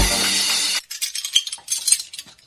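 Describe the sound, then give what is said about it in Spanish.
A brief rush of running tap water cuts off, then dishes and cutlery clink and clatter several times in quick, uneven succession as dishes are washed, with no voices. “A lavar los platos, cierra la llave mientras los enjabonas.”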